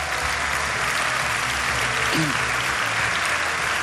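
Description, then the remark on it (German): A large audience claps steadily throughout, applauding all the people of Regensburg, a dense, even wash of applause with no pauses, fairly loud, with a faint voice briefly surfacing in the middle. “Gebt mal einen großen Applaus bitte an alle Regensburger.”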